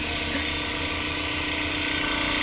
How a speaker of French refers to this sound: pour réduire en poudre les échantillons, on peut les mettre dans un tissue lyser